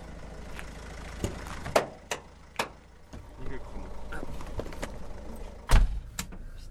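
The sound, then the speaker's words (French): Several sharp clunks like a truck door shutting ring out over a steady low engine rumble, with a louder slam near the end and faint background voices, as a truck collecting bulky household items sets off on rue de la Buade. “Du coup, en termes de sortie, là, le camion, il sort souvent en semaine?”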